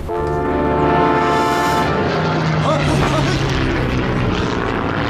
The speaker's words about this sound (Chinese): 有敌机， 飞机， 快点，快点，快 点！奶奶的，日本鬼子飞机真烦，正听着过瘾呢。